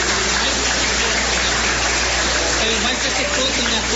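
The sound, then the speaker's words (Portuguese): An audience claps for Jesus in a dense, steady wash of applause that holds at an even loudness for several seconds, with a faint murmur of voices underneath. “Bate as palmas para Jesus.”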